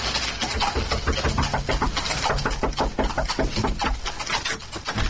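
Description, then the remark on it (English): Loud, frantic hammering on the wooden door of an inn, a rapid, uneven barrage of heavy knocks that keeps pounding without a pause for several seconds. “While Maples went for the constable, I hammered on the door to the inn.”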